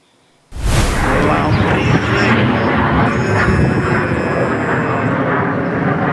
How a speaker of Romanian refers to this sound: Avem și imagini cu avioanele de luptă care au intervenit pentru a distruge drona, iată.